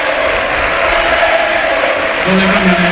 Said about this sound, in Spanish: Ojo, chicos, porque ovación en Butarque, todo el estadio de pie para la retirada del bigoleador y pichichi de la Liga, Sergio Camello, para que entre Alemão y también se retira, mira.